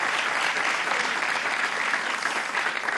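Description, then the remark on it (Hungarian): An audience at the Schöder Klub applauds steadily for the full three seconds, a dense, even wash of many hands clapping with no pauses and no voices standing out. “Már egy mutatvány a tapsa nézői.”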